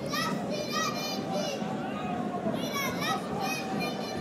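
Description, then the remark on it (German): A young boy directly above the commentator cheers on Westfalia Rinan at a football match against Dresden, his high-pitched voice rising in repeated, chant-like shouts over a steady wash of crowd and background noise. “Ein kleiner Junge hier direkt über mir feuert seine Rinaraner an.”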